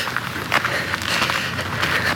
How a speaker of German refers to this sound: In der folgenden Nacht hatte ich den Hof fast schon verlassen, als ich plötzlich Schritte hinter mir hörte.